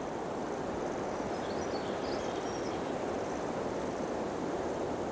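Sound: high-pitched insect chirping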